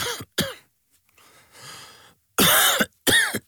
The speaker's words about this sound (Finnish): Hei, älä suotta köhi.